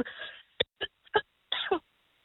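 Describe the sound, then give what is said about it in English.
Someone coughs or sneezes in a quick series of sharp, explosive bursts after a breathy intake, ending with a longer double burst. No talking. “Bless you, I think.”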